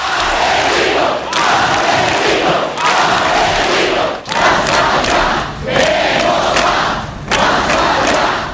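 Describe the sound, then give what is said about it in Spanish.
A large crowd in the street shouts a protest chant against ETA in unison, loud and sustained. Rhythmic phrases are broken by brief pauses every second or so and repeated over and over. “Ese grito fue el espíritu de Ermua.”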